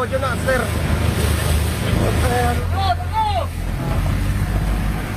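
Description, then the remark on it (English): Coast Guard rescue boat engines drone steadily over wind and water as they approach a burning passenger ferry in darkness in the Philippines, 100 yards ahead, while the rescuers call and shout over the noise, some voices raised and strained, partly drowned by the engine's rumble. “What you can hear there are the voices of the Coast Guard rescuers on their boats as they approach the burning ferry, which is engulfed in flames in the darkness, 100 yards ahead of them.”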